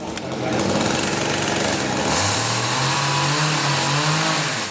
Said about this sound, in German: Laut ist es in den ersten Tagen im Schlosshof in Steinach. Die Bildhauer sägen die groben Konturen in dicke Eichenstämme.